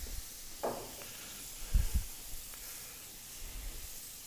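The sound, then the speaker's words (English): A splash of San Giuseppe white wine sizzles in a hot pan, added just as the pan gets hot enough to risk burning. A steady, fairly quiet hiss runs throughout, broken by a brief crackle early on and a couple of soft low thumps midway. “And then just when it's getting hot to the point where you're worried that it's going to burn, then a splash of white wine.”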